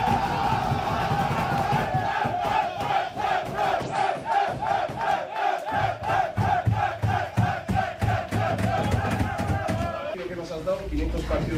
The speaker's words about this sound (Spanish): y también en el vestuario, con camiseta especial para el cuerpo técnico encabezado por Ernesto Valverde y por Jon Aspiazu por esos 500 partidos, y los jugadores a ese grito, ¿no?, de Ernesto Valverde y cantándole al técnico del conjunto rojiblanco.